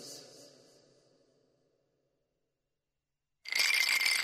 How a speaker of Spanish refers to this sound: Con los hielos pasa igual que con la música. Mucho ruido, pero se deshacen rápido.